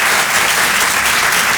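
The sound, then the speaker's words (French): An audience claps steadily, a dense, even wash of many hands at a loud, consistent level with no voices on top, lasting under two seconds, applauding to show they understand the speaker despite his accent. “mais juste par applaudissement ici, qui, par applaudissement, me comprend bien malgré mon accent?”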